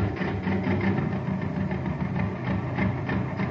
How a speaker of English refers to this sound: Hey, you want to have some fun, gang? Listen to this jet cycle.